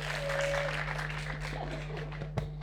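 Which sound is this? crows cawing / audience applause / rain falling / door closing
audience applause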